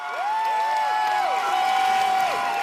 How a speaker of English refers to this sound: That gets everyone chanting together again. Ce n'est qu'un début, continuons le combat. It's just the start, let's continue the fight.